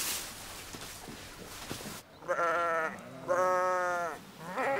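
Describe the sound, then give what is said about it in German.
Sheep bleat loudly, two long wavering calls followed by the start of a third, after a couple of seconds of rustling, shuffling background noise. “es gibt also keinen Kontakt zwischen den Pferden und den Schafen.”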